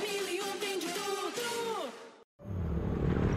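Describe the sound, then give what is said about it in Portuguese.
A motorcycle engine revs loudly with a whining, buzzing tone that climbs and dips, then drops in pitch as it passes by; after a brief cutoff, a steady rushing noise takes over. “Amor, ouviu essa moto?”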